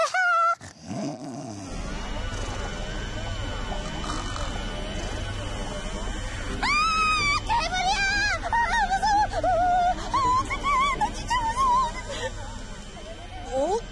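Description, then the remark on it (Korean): A washing machine and vacuum cleaner run together in a home, a steady, loud droning hum, with warbling, growl-like tones rising over it partway through, giving an eerie, rumbling sound. “우리 집에서 나는 세탁기와 청소기 소리예요.”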